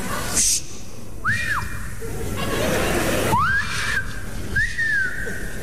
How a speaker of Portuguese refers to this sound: O bêbado quando começa a assobiar é porque não aguenta falar mais.